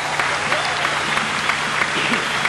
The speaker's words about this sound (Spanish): Un aplauso fuerte.